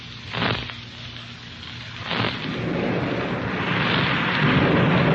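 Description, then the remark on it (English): Heavy rain pours steadily outside a powerhouse while thunder rumbles and cracks nearby, drawing closer, a couple of sharp crashes early on followed by a building, rolling roar that grows louder toward the end. “Hey, sounds like that thunder's getting lots closer, eh?”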